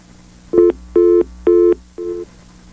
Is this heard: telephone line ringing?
yes